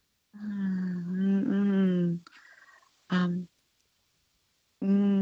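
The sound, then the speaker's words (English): Someone hums a tune in a steady, mid-pitched voice: a long sustained phrase, a short note after a pause, then another hummed note starting at the end. “I'm humming the song.”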